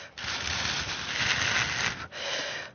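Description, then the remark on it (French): Someone blows steadily across thin paper strips, making a breathy, hissing rush like wind. One long gust runs about two seconds, breaks off briefly, then a second gust starts. “découvrir les languettes qui sont toutes fines pour faire le bruit du vent.”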